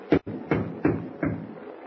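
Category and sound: household object, knocking on a door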